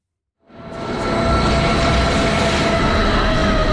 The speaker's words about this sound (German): Der Bahnhof Eigergletscher sieht aus einer S-Bahn-Station. Einfach 2300 Meter über Meer. Die Zahnradbahn von Wengen her kommt an.